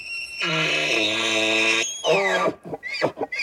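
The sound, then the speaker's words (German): A moose at the Alpenzoo in Innsbruck calls with a long, steady, nasal moan, then a shorter descending groan, followed by a few brief grunting bursts, all loud and with no talking. “Wie klingt es eigentlich, wenn ein Elch aus dem Innsbrucker Alpenzoo alles Gute zum Geburtstag wünscht?”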